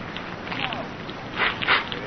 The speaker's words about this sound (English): Hey, the paper's on fire!